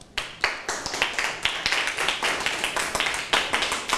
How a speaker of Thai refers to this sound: ยอดเยี่ยมมากครับขอเสียงปรบมือให้เพื่อนครับ